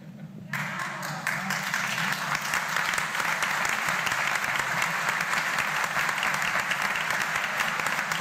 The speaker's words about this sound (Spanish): Y esos aplausos que sirvan para rezar por los curas.